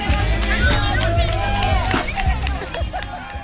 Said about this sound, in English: The adults watched, clapped, and encouraged the kids, singing the traditional song, Dale, Dale, Dale.